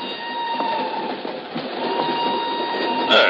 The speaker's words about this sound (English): An hour later, she's aboard a northbound train rolling out of Lisbon. I'm in the same car a few seats away.